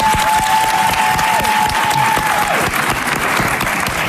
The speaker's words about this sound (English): Hey, clap it up for that, guys.